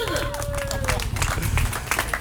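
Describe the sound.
A crowd applauds steadily for two travellers arriving home after a 3,500-mile journey, dense overlapping claps forming a continuous patter at a fairly loud level, with a brief high whistle and murmuring voices mixed in near the start.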